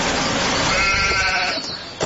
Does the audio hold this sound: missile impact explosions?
no